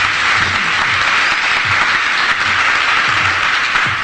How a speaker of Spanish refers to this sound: Yo creo que le vamos a dar un buen aplauso a Jesús, ¿verdad? Porque es bueno. Es bueno el Señor. Gloria a Dios.